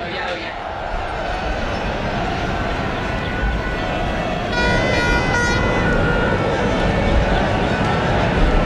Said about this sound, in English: Lots of honking, lots of cheering. I can see on my screen a good gaggle of people with plenty of Spanish flags and wearing lots of red, getting ready for the parade a little bit later on.